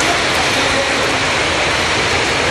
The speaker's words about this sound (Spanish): El agua ingresó a las instalaciones y se acumuló en el acceso de la estación. El municipio de Quito explicó en un comunicado lo siguiente. Debido a la intensa lluvia y presencia de granizo registrada en Quito, propias de esta época